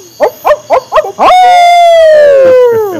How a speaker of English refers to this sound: And where I live now, there's an added summertime bonus because we have these owls that sound like drunken hillbilly rednecks.